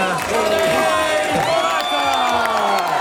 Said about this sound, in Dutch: Niet alleen hij, iedere renner krijgt zijn eigen applaus.